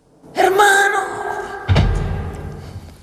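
A loud voice cries "¡Hermano!", then a single heavy, low thud lands as someone drops their weight into a chair, followed by a brief rumbling settle.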